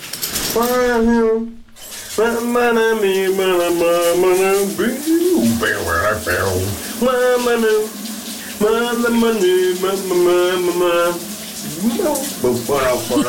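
A man sings a lively tune in sustained, melodic phrases while a shower runs steadily underneath, the hiss of falling water continuous throughout.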